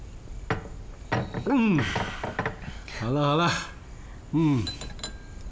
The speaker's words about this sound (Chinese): 来吧，咱们再为胜利干杯！ 好， 好， 好， 来， 再一次举杯， 干杯！ 辛苦了， 干杯。